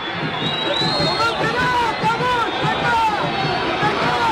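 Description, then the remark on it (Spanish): A loud, angry crowd at a football match between River and Tigre shouting continuously, a dense roar of many voices with rising and falling yells layered over the steady din throughout. “Hay gente muy enojada, no sé de dónde vienen esos gritos.”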